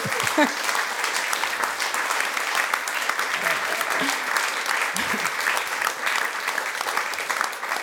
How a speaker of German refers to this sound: Ein Applaus für dich.